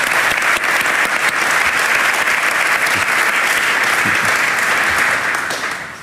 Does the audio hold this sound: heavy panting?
no